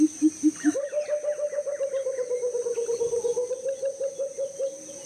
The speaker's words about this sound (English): That is the pheasant cuckoo.